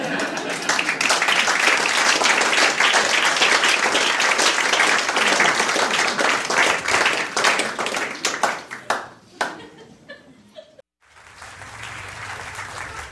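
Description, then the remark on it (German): A crowd bursts into sustained applause, dense clapping filling the room for about nine seconds before thinning into scattered claps, a brief pause, then a softer murmur of the audience. “Wenn Sie nichts anderes zum Tun haben, können Sie an der Stelle mal klatschen.”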